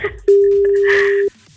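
A single steady telephone ringback tone lasting about a second, loud and clear, as a radio show places a phone call, with faint background chatter around it.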